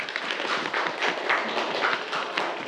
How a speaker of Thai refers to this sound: ปรบมือให้กับเพื่อนด้วยครับ